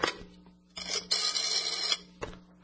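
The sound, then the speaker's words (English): A house telephone rings to call apartment 9B, with a harsh, buzzy electric burst that lasts about a second and then stops, with brief clicks and handling sounds on either side. No one speaks. “I'll give 9B a ring for us on the house phone.”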